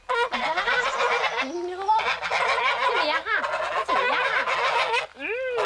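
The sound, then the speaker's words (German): A flock of hand-reared geese honking and cackling nonstop as they are offered treats: loud overlapping nasal calls with quick rising and falling squawks, and no pause for the whole stretch. “Kein Wunder, bei ihren Mitbringseln kann keine Gans widerstehen.”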